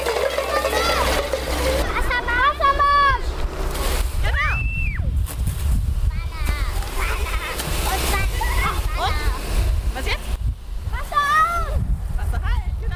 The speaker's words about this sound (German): Wassermarsch, genau. Und jetzt drehst du vorne auf. Andersherum. Weiter, weiter drehen. Weiter. Weiter. So, und jetzt. Wassermarsch. Genau, zweites Rohr Wassermarsch. Ne? Und jetzt aufdrehen. Weiter, weiter, weiter. Genau.